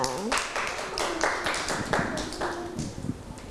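A group of children clapping their hands in a quick, uneven patter of many overlapping claps, steady and moderately loud for a few seconds.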